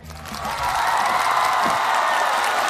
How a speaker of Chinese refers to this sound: 接下来让我们用最热烈的掌声有请淮剧名家陈晨老师。